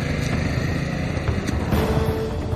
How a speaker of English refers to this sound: Benny got on his moped and fled through the fields.